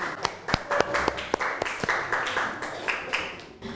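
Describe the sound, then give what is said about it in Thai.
Scattered applause from students in a classroom as a student representative comes to the front of the class to present: sharp, uneven hand claps in a loose, moderately quiet patter that carries on for several seconds before thinning out. “ขอเชิญตัวแทนนักเรียนที่หน้าชั้นเรียนได้เลยค่ะขอเสียงปรบมือให้เพื่อนหน่อยค่ะ”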